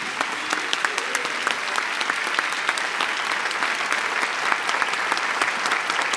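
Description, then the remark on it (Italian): An audience claps steadily for several seconds for a group of young performers at the end of an evening show, a dense, bright wash of many hands with scattered sharper claps standing out, sustained at an even loudness without voices. “E se è stata una serata piacevole, chiedo gentilmente a questo meraviglioso pubblico di fare a questi ragazzi un grande, grandissimo applauso.”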